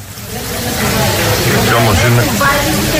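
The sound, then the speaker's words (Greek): Rain heard inside the terminal building of Chios airport, with rain falling and leaking inside the building: a steady, dense hiss of falling water that holds an even loudness throughout, with an indistinct murmur of voices mixed into the background. “θα σας βάλω τον ήχο έτσι όπως αυτός έχει ηχογραφηθεί μέσα στο κτίριο του αεροδρομίου”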